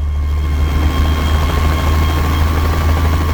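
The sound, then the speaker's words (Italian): A propeller plane's engine starts and its propellers begin to spin as the plane departs, roaring steadily with a loud, continuous low droning hum and a faint whine above it. No one speaks. “Questione di secondi, il motore si accende, le eliche iniziano a girare, si parte.”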